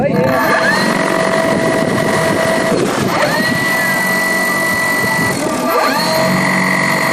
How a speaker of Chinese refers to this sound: 搭载复合传感器的科考无人机在格尔木市西南50公里的草场进行升空前最后的测试。